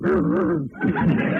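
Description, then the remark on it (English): A person voices dog-like noises, a loud whining yelp with wavering pitch, then a short pause before a second rougher, growly burst. “you're even getting to sound like a dog.”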